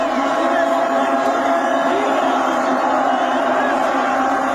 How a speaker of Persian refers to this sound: بعدیش هم تشویق ایسلندیه که با تبلای بزرگ و وحشتناک هوادارهای نساجی مازندران توی استادیوم قائم‌شهر شروع شد و سریع رسید به آزادی و یادگار امام تبریز.